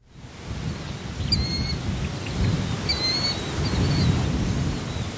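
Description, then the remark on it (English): Outdoor ambience on a hot, muggy morning in a marshy area on the north side of Lincoln, Nebraska: a chorus of birds and insects, with a few short, high bird calls chirping intermittently over a steady, low rushing rumble throughout. No one speaks. “It's a hot, muggy morning in a marshy area on the north side of town where a chorus of birds and bugs greets some human visitors.”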